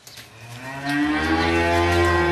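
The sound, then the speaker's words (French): A dairy cow on a dairy farm in Mauges-sur-Loire, Maine-et-Loire, France, kept under a large shed in daytime heat of over 30 degrees, lets out one long, loud moo, a low droning bellow that swells after a soft start and holds steady, with no talking. “qui pèse sur les organismes des êtres humains, mais aussi des animaux, comme dans cette exploitation agricole de vaches laitières.”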